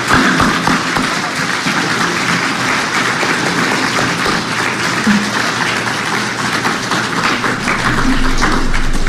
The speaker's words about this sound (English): A round of applause for our graduates.